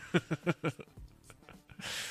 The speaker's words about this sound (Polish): Przepraszam. Ach, nie powinienem kaszleć do mikrofonu. No, ale wiecie, latka lecą, najmłodszy już nie jestem, może to różnie być, nie?